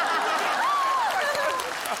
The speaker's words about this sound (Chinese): 我给你们鼓掌了，鼓掌！